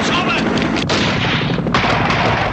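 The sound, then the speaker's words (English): Loud, dense bursts of rapid gunfire rattle almost without pause, a thick wall of shots with a couple of brief breaks, intense throughout; men in helicopters fire into a building while armed guards hurry around the perimeter. “The helicopter gunfire continues as guards hurry around the perimeter.”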